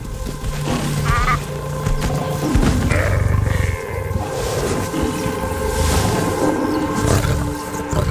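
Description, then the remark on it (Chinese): Deep, rough lion roars on a savanna, heard during a wildlife safari, rumble loudly across several seconds over a steady low background noise, with a couple of brief higher-pitched tonal calls mixed in and no one speaking. “狮子是顶级捕食者，捕猎场面相当震撼。”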